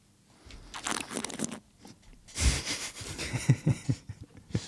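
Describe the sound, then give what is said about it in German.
Slurping of wine in the mouth to draw in oxygen, several airy, gurgling sucks drawn through the lips in uneven bursts, with a louder rushing slurp in the middle and smaller wet smacks after it, no talking. “was man dann noch machen kann, ist der Schritt, den wir vom Sebi auch gelernt haben, das Schlürfen”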